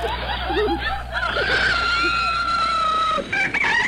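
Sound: rooster crowing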